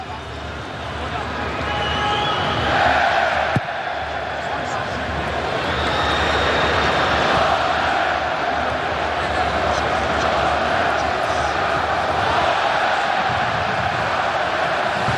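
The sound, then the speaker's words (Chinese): Football fans at a match involving Côte d'Ivoire chant a scarf battle cry together in a loud, sustained roar of massed voices, holding a steady rhythmic drone without a break from start to finish. “现场多位球迷再度开始了整齐划一的围巾战吼。”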